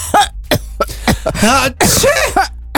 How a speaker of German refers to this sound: Boah. Husten, bei euch auch schon die ersten Kollegen. Einige Erkältungen sind ja bereits im Umlauf.